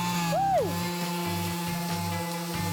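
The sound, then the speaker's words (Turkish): A power sander whirs up with a quick rising and falling pitch, then settles into a steady electric hum that pulses faintly as it sands a wooden door, the final step in the door's production. “kapımızın son işlemi olan ahşap üretiminde zımpara işlemini gerçekleştireceğiz.”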